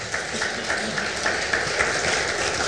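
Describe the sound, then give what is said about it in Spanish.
A church audience applauding the Lord together: a dense, sustained wash of many hands clapping, with a faint steady pulse running through it and no one speaking over it. “Aplaudámosle al Señor.”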